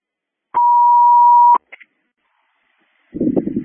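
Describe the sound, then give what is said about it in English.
A single steady electronic telephone ringing tone from an outgoing phone call lasts about a second, followed by two quick faint blips, then silence before a short burst of muffled, rumbling noise. “Okay, so I'm going to call me. Okay, they're calling.”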